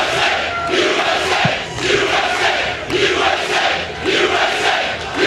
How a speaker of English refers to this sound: Nothing better than the USA chant in an event like this.